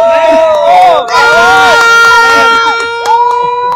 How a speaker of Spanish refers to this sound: Pues la afición tiene idea de la selección mexicana. Cree que le va a ir bien en este partido contra Australia. Y ahora sí, una porra para México antes de que empiece el partido.